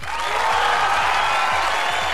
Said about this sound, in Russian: Еще раз поздравляем всех выпускников, родителей, преподавателей, учителей, конечно же, аплодируем им за стойкость, за тягу к знаниям и за терпение, безусловно.